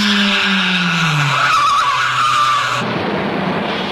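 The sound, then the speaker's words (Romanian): Loud, continuous tire screech as a car skids, with engine roar underneath, then an abrupt shift into a rough, noisy clatter near the end, like a crash. “Priviți în ce hal ne-a stamponat mașina!”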